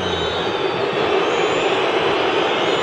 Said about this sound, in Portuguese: Termina no Morumbi. Vaias, muitas vaias. São Paulo deixa 2 pontos escaparem aqui no Morumbi.